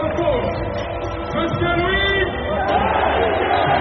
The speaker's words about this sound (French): Chaudement applaudi